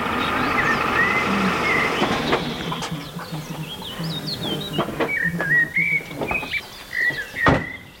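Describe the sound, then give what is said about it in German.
Geese call repeatedly as they fly over, a loose chorus of high, yelping honks at irregular intervals above a steady low background hum, with no voices. “da hinten fliegen jetzt, das sind glaube ich Gänse lang, ne?”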